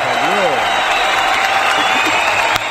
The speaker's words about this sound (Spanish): fuerte el aplauso.